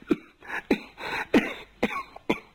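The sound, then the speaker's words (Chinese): A storyteller performing a long-form Chinese pingshu story imitates Empress Dowager Cixi's fit of coughing: about five harsh coughs in quick, uneven succession, with raspy throaty breaths between them and no other talking. “咳嗽不止，好容易踏出两口痰来，一看这痰里边啊，是带有血丝。”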